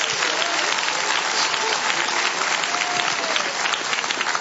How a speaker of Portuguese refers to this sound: E quem dá glória a Deus por isso? Quem dá glória a Deus? Quem pode aplaudir ao Senhor por esta obra tão maravilhosa?